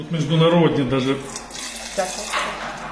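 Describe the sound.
Pinot Noir wine runs from a steel tank's tap into a glass at a vineyard outside Kiev, a steady splashing pour lasting a few seconds, with a voice briefly heard near the start.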